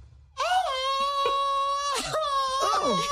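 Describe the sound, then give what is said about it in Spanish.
A strained Mexican grito: one loud yell held for nearly three seconds, its pitch wavering and cracking toward the end. “Okay, va el grito.”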